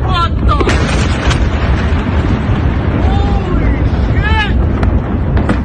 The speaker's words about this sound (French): Dernier exemple en date avec cette vidéo montrant une vaste explosion en pleine ville.